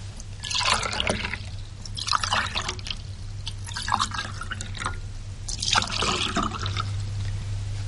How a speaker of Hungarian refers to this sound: Itt a bugykos, az asztalon. Töltsenek. Igyanak.